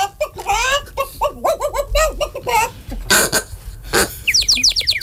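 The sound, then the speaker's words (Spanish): A busy mix of farmyard birds: ducks and chickens squawking and clucking in quick bursts, a couple of harsh noisy squawks, then a run of high, quick chirps from small birds, as ducks, chickens and small birds run about a street in different directions early in the morning. “Patos, gallinas y pajaritos corretean por la calle en diferentes direcciones.”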